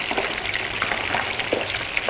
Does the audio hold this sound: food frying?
yes